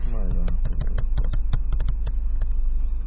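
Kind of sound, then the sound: human body sound, burping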